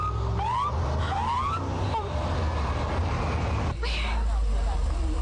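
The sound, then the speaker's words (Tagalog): A police patrol car arrives, giving two short rising siren whoops near the start over steady engine noise, with voices faintly in the background. “Ma, ang patrol car? Nagpakadto diri?”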